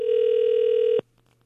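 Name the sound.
phone ringing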